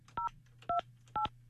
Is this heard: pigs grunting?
no